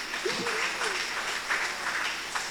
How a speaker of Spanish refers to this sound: Brindemos fuerte aplauso a su hijo.